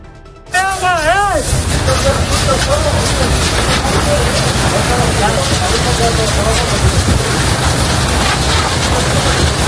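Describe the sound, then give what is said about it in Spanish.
Loud, steady roaring and crackling of a wildfire burning as the Military Emergencies Unit (UME) works at the scene in Pelayos de la Presa, with a short wailing siren near the start and indistinct voices murmuring underneath throughout. “Así está trabajando la UME, la Unidad Militar de Emergencias, en Pelayos de la Presa, municipio afectado por este segundo incendio.”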